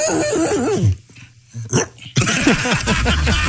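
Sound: dog barking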